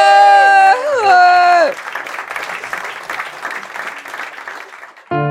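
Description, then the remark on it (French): A sustained, wavering tone slides downward, then gives way to a dense burst of crowd applause and cheering that rolls on for several seconds before cutting off abruptly. “Et la foule en délire.”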